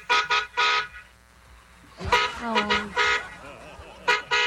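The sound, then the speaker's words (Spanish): Three short, loud car horn honks in quick succession, then a pause before more bursts of honking mixed with people talking. “Por el carro. Ay, otro pitico.”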